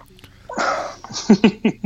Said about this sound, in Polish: No, czyli tak, czyli tak, nocne radio, gdzie prowadzący beka zamiast dzwoniącego. No właśnie, u nas jest na odwrót.